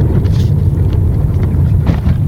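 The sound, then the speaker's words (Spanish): A car drives over the rough Sarmiento road, a busy secondary road toward Cuenca, with a loud, steady low rumble, then jolts into a large pothole with a couple of dull thuds. No one speaks. “Ahí cayó un tremendo hueco.”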